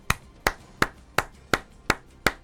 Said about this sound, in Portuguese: Antes, viu? Tô aplaudindo antes, porque se for o mesmo padrão da Arupemba, da pista de kart, de poste no meio da rua, de rotatória que não serve pra porcaria nenhuma, vai ficar bom demais.